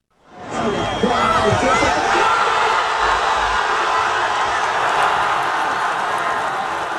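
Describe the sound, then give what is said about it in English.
A large crowd in Gaza, gathered among ruins to watch a football match on a giant outdoor TV screen, roars and cheers in a dense, continuous wash of many voices, with shouts rising above the din, holding loud and steady for several seconds. “perhaps nowhere more so at the moment than in Gaza, where thousands and thousands of people have crowded among the ruins of Gaza City, Deir al-Balah, and in Al-Mawasi in the south to watch key games on hastily erected giant outdoor TV screens.”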